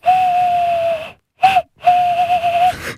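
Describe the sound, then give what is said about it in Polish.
A contest participant imitates a bird call with breathy, hollow hoots, blowing into the thumbs of joined, cupped hands: a long steady note, a short blip, then a longer wavering one, fairly loud with airy hiss. “Wystarczy złączyć dłonie, trochę nabrać powietrza, no i w kciuki dmuchać.”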